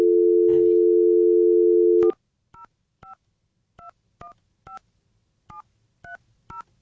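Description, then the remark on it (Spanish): A steady dial tone hums for about two seconds, then a quick series of about eleven touch-tone beeps as a phone number is punched in, each short dual-pitched tone separated by brief gaps. “Solamente así, ya no puedo hacer dos cosas a la vez, o marco el número o hablo, una de dos.”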